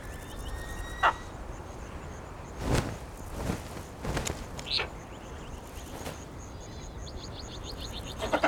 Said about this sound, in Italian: Questo lord, un tempo, regnava su tutto il Mediterraneo. L'aquila di mare coda bianca, chiamata anche aquila grigia.